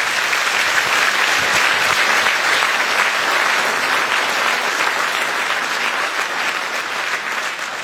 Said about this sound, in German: Gerne einen kleinen Applaus